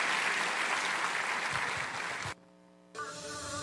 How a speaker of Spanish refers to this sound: Alabado sea su santo nombre. Dele un aplauso bien grande.